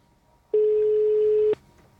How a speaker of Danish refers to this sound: vi ringer lige op til Brian